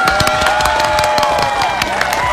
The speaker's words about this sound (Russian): Ну а вам всем аплодисменты!